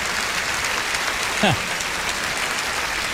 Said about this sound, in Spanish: ¿Cuántos lo creen? Den el mayor aplauso de la historia. Ese es nuestro Dios.